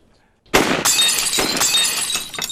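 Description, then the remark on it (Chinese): A sudden sharp gunshot bursts in, followed by loud glass shattering and shards crashing and tinkling for about two seconds. “好，好，好，好，好， 汪副司令，好枪法。”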